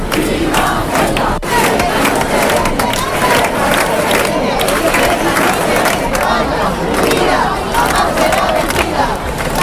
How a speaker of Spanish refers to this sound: Los gritos se sucedieron durante una concentración marcada por el enfado y por el respaldo a los ciudadanos de Ceuta.